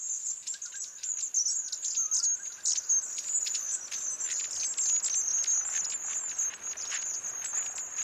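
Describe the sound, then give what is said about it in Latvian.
Thin, high contact calls from a small flock of long-tailed tits, a steady stream of soft overlapping chirps and trills, with no voices. “Šajā laikā garastīšu bariņam ir arī ļoti raksturīgs sauciens, viņš gan nav skaļš, bet garastīts to izmanto visu laiku.”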